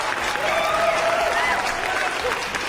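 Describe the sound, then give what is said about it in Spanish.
Sustained applause from a crowd fills the whole stretch, a dense steady wash of clapping, with faint voices and a whistle-like tone riding over it. “Un aplauso para ustedes, de verdad.”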